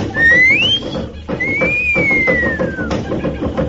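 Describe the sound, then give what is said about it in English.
A loud two-part wolf whistle, a sharp upward sweep followed by a longer gliding fall, over a steady background rumble, whistled to signal a woman amid noisy birds. “I'll give her the wolf whistle.”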